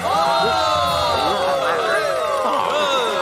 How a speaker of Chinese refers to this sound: 别再鼓掌了，狗狗欧弟，代表作欧弟打瞌睡。